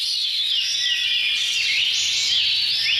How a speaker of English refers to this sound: It's the first time that researchers have found that bird song can decrease feelings of paranoia. While they're still working on understanding why, it's possible that hearing birds singing makes people feel like they're in a safe environment